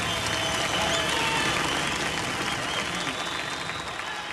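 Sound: audience applause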